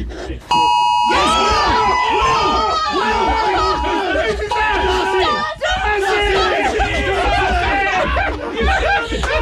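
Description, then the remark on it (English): Several phone notification alerts chime at once as a group all receive the same notification at about 1:59 and 50 seconds, their overlapping tones ringing out loudly, while the people chatter and laugh excitedly throughout. “This is 1:59 and 50 seconds, just before we all received the notification.”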